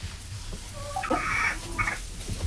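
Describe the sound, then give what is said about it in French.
A chicken clucks a few times in short, throaty bursts near the middle, moderately loud, over a low steady background hum with no one talking. “Je parle du poulet.”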